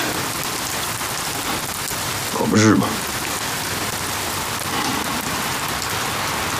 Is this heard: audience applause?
no